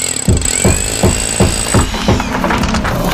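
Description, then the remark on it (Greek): Loud, rapid hammering of a jackhammer during demolition work, pounding in short repeated bursts about every half second, with a high whine running underneath and harsh clatter. “Γκρεμίσματα, χτισήματα και κάθε είδους οικοδομικές εργασίες με επαγγελματική υπογραφή.”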